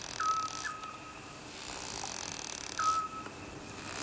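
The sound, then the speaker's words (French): A distant bird calls with soft, hooting whistled notes: two in quick succession, then a pause and one more, set against a steady hiss of outdoor background noise. “Comme l'oiseau qui fait.”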